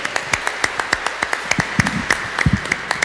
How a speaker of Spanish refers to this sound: ¡Que viva la Virgen María! ¡Que viva! Un aplauso para ella, por favor.